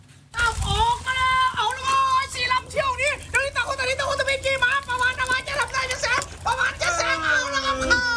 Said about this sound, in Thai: จะเรียกว่าเป็นการจำลองแข่งขันเรือยาวก็ไม่ผิดนะครับเพราะว่าทรงคล้ายๆกันเด็กๆก็พากเสียงเชียร์เหมือนแข่งเรือยาวครับแต่ว่าเรือลำน้อยนี้เรียกกันว่าเรือไม้ดีดหนังยางแบบท้ายตัด